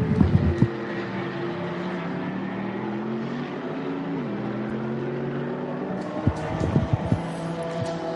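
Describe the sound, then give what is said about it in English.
A Viper Niza Mercedes racing car's engine drones with steady, layered harmonics, dipping briefly in pitch midway, with a few sharp, loud bursts at the start and again near the end as it leaves the pit lane after a full service and driver change. “And that exactly on cue that Viper Nisa Mercedes leaves the pit lane.”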